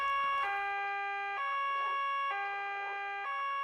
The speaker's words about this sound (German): Weshalb muss er bloß immer die Sirene einschalten, wenn er uns verlässt?